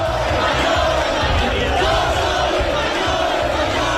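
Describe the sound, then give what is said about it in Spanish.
A dense, loud crowd of far-right protesters with Spanish flags roars and shouts together at the Puerta del Sol, chanting against Pedro Sánchez, in a steady, continuous wall of voices, with rhythmic chant-like swells rising and falling throughout. “Y el grito recurrente contra Pedro Sánchez, mucha tensión en estos momentos, siguen llegando extremistas,”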